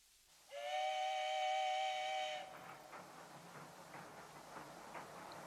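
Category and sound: vehicle, steam train whistle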